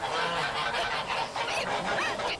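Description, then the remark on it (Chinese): Loud goose honking fills the stretch, harsh nasal calls repeating in quick irregular bursts with no pause, several overlapping as if more than one bird is calling; a mother goose with a group of goslings eating seedlings. “哎，大鹅看我不抓你。坏大鹅，你叫你叫你叫，这么大手叫一些小鹅仔住嘴。”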